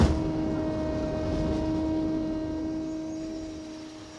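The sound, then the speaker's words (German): A steady mechanical whirring of hydraulic pumps hums continuously, with a low rumbling drone and sustained tonal pitches, fairly loud, slowly fading slightly toward the end with no voices. “Und dieses ständig surrende Geräusche und einfach Pumpengeräusche von der Hydraulik kannst du auch nicht vermeiden.”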